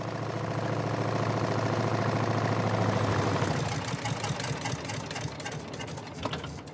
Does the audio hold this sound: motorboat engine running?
yes